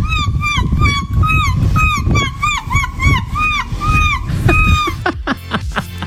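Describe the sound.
A woman imitates seagull calls in a rapid string of loud, nasal squawks, followed near the end by a few sharp clicks and bursts.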